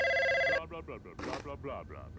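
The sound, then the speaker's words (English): A loud electronic telephone ring sounds once, waking a man up: a steady buzzy tone lasting about half a second, cut off abruptly as a voice begins talking. “He's gonna pick up the phone.”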